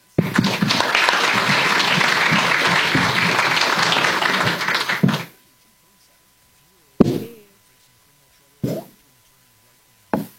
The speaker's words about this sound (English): Let's give all these candidates a big round of applause for a great job.